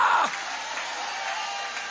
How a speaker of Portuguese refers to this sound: Levanta a mão então e aplaude a Ele, porque Ele entra para quebrar essas portas, para quebrar essas cadeias e te colocar para fora.